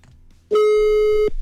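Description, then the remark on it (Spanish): A telephone line tone after a radio show (100.1 FM) dials a listener for its wake-up segment: one loud, steady, buzzy mid-pitched tone lasting nearly a second, heard alone over a faint low background rumble, then cutting off abruptly. “Ahora sí, marcamos.”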